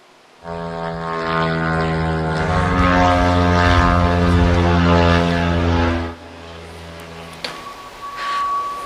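The loud, buzzing propeller engine of a kamikaze attack drone, from Ukraine's massive drone attack on Russia, drones steadily overhead for several seconds, then cuts off abruptly, leaving quieter background noise and a faint tone.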